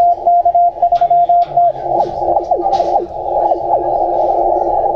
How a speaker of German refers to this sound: Ja, und hier ist dann das 40 Meter Amateurfunkband zu Ende.